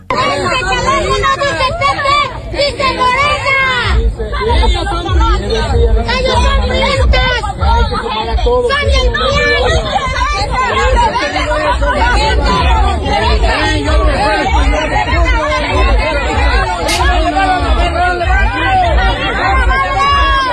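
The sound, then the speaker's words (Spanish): A loud, agitated crowd in the city of Veracruz, Mexico, shouts, clamors and pushes as it drives out the state director of the Morena party, many overlapping voices in a dense, unbroken commotion sustained for about twenty seconds with no single voice standing out. “Es de la ciudad de Veracruz, en donde entre gritos y empujones corren al director de Morena en ese estado de la República.”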